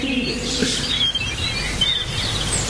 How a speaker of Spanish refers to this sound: Escucha la pajarito, escucha la pajarito.